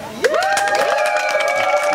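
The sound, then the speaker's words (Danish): A crowd erupts in loud shouting and cheering, many voices yelling together with sustained high-pitched whoops and screams that hold steady for a couple of seconds, as the audience shouts to vote on which song should be played. “Må vi se, hvor meget I er med til at råbe her.”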